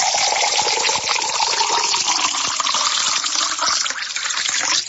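Drinking water pours steadily into a cup for several seconds, a continuous splashing stream whose pitch rises as the cup fills, with no talking.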